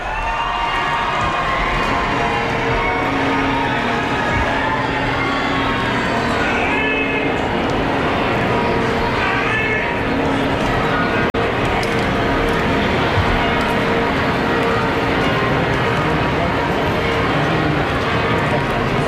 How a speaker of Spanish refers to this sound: las campanas de la Catedral de Barcelona y ahora repicando. Que también es música, como comentábamos ayer en la Almudena y en fin, en todos los lugares sagrados, en todos los templos, siempre tenemos ahí esa música.